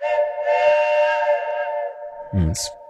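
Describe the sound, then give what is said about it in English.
A big truck-style air horn blares one long, loud, steady chord of layered tones for about two seconds, then cuts off into a short hissing, rumbling burst. “Oh, Deb, that deserves a big truck horn.”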